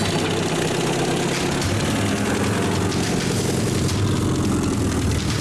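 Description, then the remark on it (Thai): An old jeep, in use for 30 years to haul areca nuts, idles steadily, a loud low rumbling chug with a rough, even rhythm that runs throughout without pause; no voices are heard. “อรถจิ๊บใช้มา30ปีแล้วหาบลงมาใส่รถจิ๊บ”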